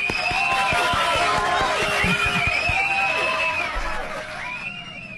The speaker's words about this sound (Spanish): Lo recibimos con el mayor cariño y admiración y, por supuesto, con un gran aplauso.